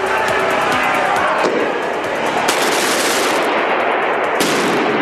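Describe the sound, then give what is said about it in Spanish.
Firecrackers and cut cylinders of dynamite crack and bang in rapid, loud bursts as a group of protesters tries to break a riot police cordon on an access road to La Paz, with a few sharper booms standing out over a constant roar of crowd noise and shouting. “En una de las vías de acceso a La Paz, un grupo intentó romper el cerco de policías antimotines con palos, petardos, piedras y cilindros recortados de dinamita.”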